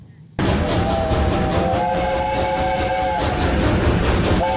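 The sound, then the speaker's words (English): A steam locomotive at the North Yorkshire Moors Railway's annual Steam Gala in Britain roars in suddenly with loud, continuous rumbling and hiss, its horn sounding a long steady tone for several seconds, then cutting out and starting again briefly near the end. “it features an impressive lineup of locomotives. The four-day event concludes today, and it celebrates the power of Britain's steam trains”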